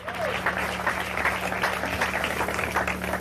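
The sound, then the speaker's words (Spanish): A church audience applauds steadily for Jesus Christ, a dense wash of many hands clapping loud for the full few seconds, with a faint low hum underneath and scattered voices mixed in. “Dele un fuerte aplauso al Cristo de la gloria.”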